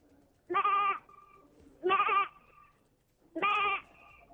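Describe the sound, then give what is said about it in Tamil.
Three wavering, nasal bleats from an eighth-grade student's voice mimicking a lamb, each about half a second long and evenly spaced, loud with quiet gaps between. “அடுத்து வந்து ஆட்டுக்குட்டி.”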